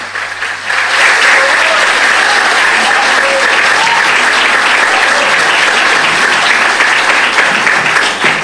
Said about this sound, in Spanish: ¿Quiere ir al atril? Venga, bueno. Vamos a aplaudirlo mientras llega aquí al atril.